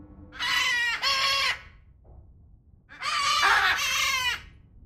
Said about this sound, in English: We're stood next to a huge aviary. What birds are living here? So we're at our macaw block right now. So basically a bunch of different macaw species. So we've got green-winged macaws,